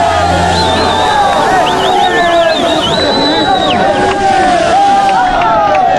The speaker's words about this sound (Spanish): Hay un montón de confeti, gritos vienen, escuchemos a los nuevos campeones.